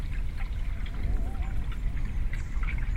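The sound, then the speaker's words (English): Steady water sloshing and trickling on a river in East London, a continuous low wash of small waves with faint splashes and no voices. “The river speaks. You hear the waves, the roar of the wind in the leaves of the trees, the breeze in the reeds, a fragile sound, murmuring their delicate rarity in this urban spool.”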